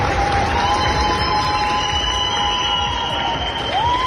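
At an airport, a large crowd of citizens gives a great ovation to departing rescue teams, a steady, dense roar of clapping and voices with a faint whistle-like tone gliding through it.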